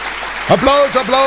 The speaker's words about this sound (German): Applaus. Yeah. Unser Grundgesetz wird heute 77 Jahre alt. Wir sagen Happy Birthday und viel bist du nicht mehr wert.